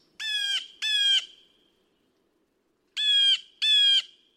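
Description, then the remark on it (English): A bird just outside a window gives four loud, harsh squawking calls in two paired bursts, with a pause of about two seconds between the pairs and no voices. “remind me to appreciate the little things, like the birds right outside of our window.”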